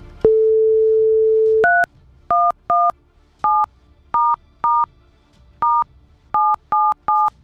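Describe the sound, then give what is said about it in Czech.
A steady telephone tone hums for over a second, then a quick series of about eleven electronic keypad beeps as a number is dialed, each short and distinct, with no voices. “Takhle ne, se musím domluvit teď s tím telefonem nejdříve. Teď se nám celý zablokoval.”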